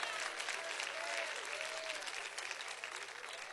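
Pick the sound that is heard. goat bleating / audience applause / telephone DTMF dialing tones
audience applause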